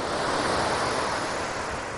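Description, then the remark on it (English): Ocean waves wash onto a beach in Aptos, California in a steady, unbroken roar of surf, loud and hissing throughout, with a bit of wind rumble underneath and no one speaking. “This beach in Aptos, California is the closest that I'll get to narwhals today.”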